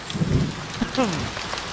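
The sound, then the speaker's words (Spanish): Steady rain patters onto a hard surface, a continuous wash of drops, heard over a phone call as the rain is held up to the phone to be heard, with a brief muffled voice-like sound rising partway through. “Pero solo oímos el agua, nos está poniendo ahorita el agua para que lo oigamos.”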